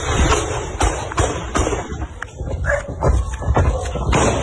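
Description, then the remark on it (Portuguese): A rapid series of sharp, loud gunshots fired by military police, roughly eight bangs at irregular intervals, captured on a teenager's phone while filming a staged robbery in the state of Ceará, with a harsh, noisy background and faint voices in between. “Um adolescente que filmava o falso assalto acabou registrando os tiros dos policiais.”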